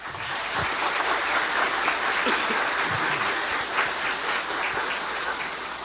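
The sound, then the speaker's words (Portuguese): Sustained applause from a church audience welcoming everyone, including the diocesan bishop Dom Mário, at a Confirmation celebration on the feast of Saints Peter and Paul: a dense steady wash of many hands clapping at an even loudness for several seconds, with no voices standing out. “De modo especial também queremos acolher hoje nesta celebração nosso bispo diocesano Dom Mário, seja muito bem-vindo, e acolhemos a todos com uma salva de palmas.”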